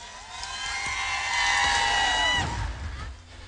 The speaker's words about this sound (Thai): วันนี้ขอเสียงปรบมือกับทางพม.ที่พาให้เรามาเจอกันในวันนี้ครับ